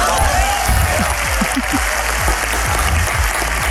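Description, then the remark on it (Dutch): Sustained applause from an audience of D66 party members in a hall, a dense wash of many hands clapping steadily and fairly loud, with a few low murmurs underneath, applauding a statement calling for violence against opponents. “Nee, want het is een oproep tot geweld die onder D66'ers in de zaal applaus kreeg. Je hoort het”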